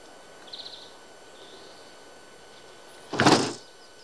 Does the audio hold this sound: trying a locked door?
yes